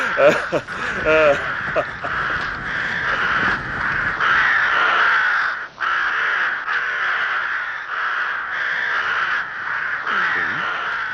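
A dense flock of crows caws loudly and continuously on a bright moonlit night as they fly away from a village, many harsh overlapping calls blending into a steady raucous chorus that lasts throughout.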